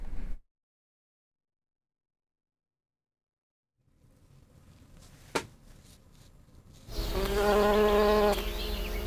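After a long quiet stretch and a faint rustling with a single click, honeybees suddenly buzz loudly, a steady droning hum that fills the last couple of seconds.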